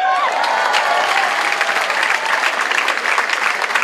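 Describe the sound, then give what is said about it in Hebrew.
Steady applause from an audience after a singer's song fills the whole stretch, dense and continuous clapping at an even level, with a brief high whistle or cheer near the start. “איפה כפיים”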